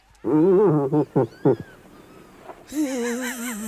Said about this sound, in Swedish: Nej, det är en irriterad älgko.